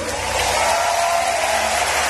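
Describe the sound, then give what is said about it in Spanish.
A loud, sustained burst of applause from a large audience, a dense wash of clapping that stays steady for the whole moment, with a faint murmur of crowd voices underneath. “Más un fuerte aplauso.”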